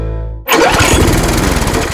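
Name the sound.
lawn mower engine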